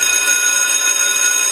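A loud electric school bell rings the first bell at four minutes past nine, continuously, with a bright, metallic buzz that holds steady throughout, with no voices.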